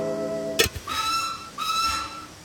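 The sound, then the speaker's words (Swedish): A train whistle gives two sustained blasts, the second longer, following a brief low tone and a sharp knock, from a train running in the middle of the night. Moderately loud, with no one speaking. “Tåget vill visst att jag ska åka med.”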